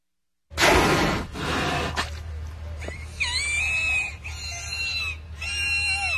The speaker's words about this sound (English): Killer whale is a misnomer. Everyone knows that by now. They call them orcas. Killer whales can actually be friendly, at least the captive ones, like these two at SeaWorld in Florida.